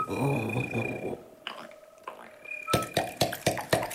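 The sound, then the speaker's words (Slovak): A woodpecker knocks in a run of about seven sharp, loud wooden taps with a quick, slightly uneven rhythm, following a short stretch of someone speaking. “Počula si to? Ha, to bude ďateľ.”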